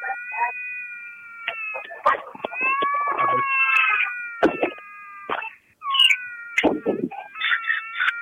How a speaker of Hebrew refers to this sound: כרגע מפונה התינוק לאחר החייה המוצלחת נוסע לבית החולים. ועכשיו מאזינות ומאזינים, אחרי ששמענו את התינוק, איזה צמרמורת.